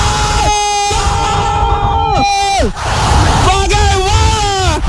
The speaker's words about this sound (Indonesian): Gol di ujung pertandingan membuat sorak-sorai pendukung Brazil.